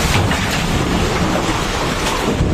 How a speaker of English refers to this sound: Oh, oh my God. This is the moment floodwaters tore through Nepal's valleys.